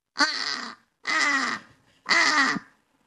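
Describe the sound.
A person imitates a British crow with three loud, harsh, drawn-out caws, evenly spaced about a second apart, with brief silences between.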